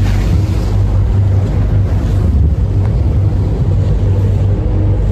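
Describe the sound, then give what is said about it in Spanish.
Steady low engine rumble of a ferry moving along the River Thames in London toward the city centre on a cloudy, rainy morning, with constant rushing water and wind buffeting the microphone, loud and continuous without any voices. “Seguimos aquí por el río Támesis en esta mañana bastante nublada, de pronto llueve, pero no nos evita que podamos disfrutar de esta ciudad.”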